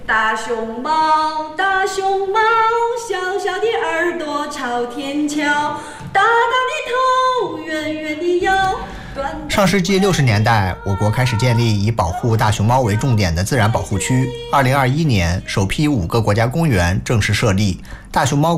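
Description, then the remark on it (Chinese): The Chinese-language version of a song about giant pandas, first written by a Tibetan man in his nineties from Baoxing County, Ya'an, Sichuan: a clear solo voice holds melodic, slightly wavering notes, then a fuller backing with a steady low bass joins partway through and carries on to the end. “这首歌也有汉语的版本。”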